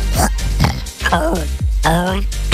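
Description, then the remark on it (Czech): A person imitates a pig, letting out a quick series of nasal oinks and grunts with rising and falling pitch, fairly loud with no other sounds. “A ukaž, jak bys to udělal jako jiný zvíře. Tekon z prasátko.”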